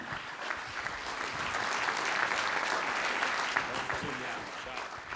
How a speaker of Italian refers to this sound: Un saluto e un benvenuto e un grande applauso anche al presidente della Regione Liguria, Marco Bucci.